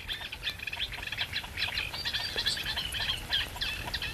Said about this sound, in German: Was war das eben für ein Ruf? Und das kommt von einem Teichhuhn. Das ist eine Art Warnlaut, möchte ich sagen.